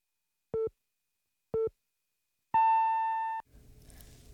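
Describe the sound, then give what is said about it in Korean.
A radio hourly time signal marking 12 o'clock, presented by EHL Bio: two short, identical electronic beeps a second apart, then a longer, higher beep lasting nearly a second, clear, followed by a soft noisy bed of background sound. “당신을 지키는 EHL 바이오가 12시를 알려드립니다.”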